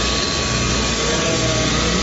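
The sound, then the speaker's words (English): Electric shears buzz steadily as a sheep is sheared, a continuous motor drone with a rough, even hum that holds at the same loudness throughout, with no talking. “It is called shearing a sheep.”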